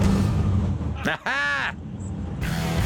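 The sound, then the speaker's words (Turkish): A 44-horsepower minibus engine drones steadily, then briefly revs with a rising, whining pitch as the throttle is pressed, swelling and dropping back into a rough, continuous rumble, fairly loud. “Gaza basınca sonunda biraz hızlanıyor.”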